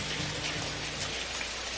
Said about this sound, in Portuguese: Segundo ele, diz que tá chovendo.